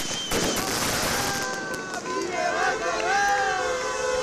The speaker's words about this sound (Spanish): Lo hacían entre bengalas, aplausos y gritos de apoyo por parte de trabajadoras y trabajadores de otras empresas de Ayeraldea que también pasan por conflictos laborales.